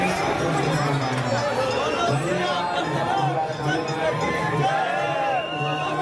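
A large crowd of devotees at a Hanuman temple on Bada Mangal Tuesday chatters continuously, many overlapping voices blending into a dense, steady babble, with no single speaker standing out.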